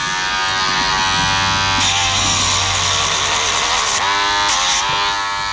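A small electric grinder whirs steadily at the Fellness dog grooming salon, its high buzzing pitch rising and dipping as it files down a dog's claws, with short bursts of harsher grinding and no voices.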